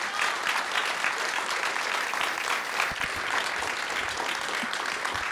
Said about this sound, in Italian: Un grande applauso.